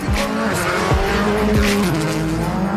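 Championship leader Tony Sinnerland's rally car engine howls loudly and continuously on narrow, bumpy roads in the ERC's Welsh round, its pitch climbing and dropping sharply with rapid gear changes, while tires squeal and gravel noise hisses underneath. No one speaks.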